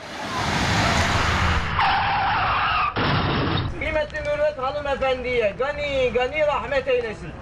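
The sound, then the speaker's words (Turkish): A loud crash of a private public bus in Zeytinburnu, Istanbul, recorded by the bus's onboard camera: a harsh screech and grinding noise, then panicked voices crying out and screaming inside the vehicle. “Kaza anı da otobüsün araç içi kamerası tarafından böyle kaydedildi.”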